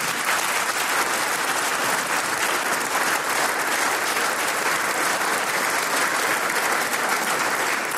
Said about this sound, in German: Du kriegst einmal einen Applaus für 70 Jahre Klarinetten.